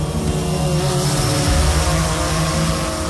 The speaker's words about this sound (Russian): Вы слышите этот звук? Где-то над сопками движется муравей – грузовой дрон, созданный в Екатеринбурге. Несмотря на свое скромное название, перед нами весьма выносливый и сильный представитель семейства беспилотных доставщиков.